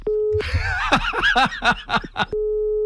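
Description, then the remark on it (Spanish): A phone busy tone sounds at the start, after a call has been hung up, and returns at the end, steady and clear, with a burst of snickering laughter in between. “¿Se me ha vuelto a colgar el teléfono?”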